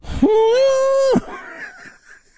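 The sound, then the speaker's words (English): An imitation of an elephant's trumpeting call: one loud, brassy blare held steady for about a second at a fairly high pitch, then cutting off into a softer, breathy, fading tail. “That's supposed to be the sound of an elephant.”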